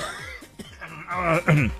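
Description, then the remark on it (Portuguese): A short burst of coughing, several rough coughs running together with strained, voiced breaths in between, ending in a louder hack. “Gente, me deu uma crise de tosse aqui, viu?”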